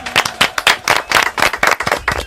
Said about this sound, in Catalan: Fort aplaudiment.